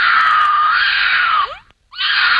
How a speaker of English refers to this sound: here's the mating noises of a mountain lion.